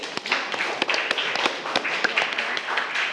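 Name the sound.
students clapping hands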